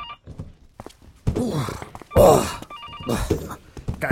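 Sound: telephone bell ringing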